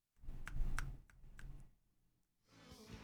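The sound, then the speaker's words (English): A handful of sharp thumb clicks or snaps land in an uneven rhythm, about four in quick succession and one more after a pause, over a low rumbling background with no talking. “My old boss used to walk along clicking her thumbs.”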